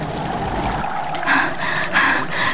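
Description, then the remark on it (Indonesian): Steady rushing of flowing river water with a few brighter gurgling surges, fairly loud, with no voices. “Nah, ayo sekarang kita ke sungai.”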